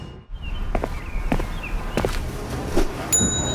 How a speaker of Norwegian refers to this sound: Nei, beklager. Jeg bare ringte i bjella for en effekt her, skjønner du.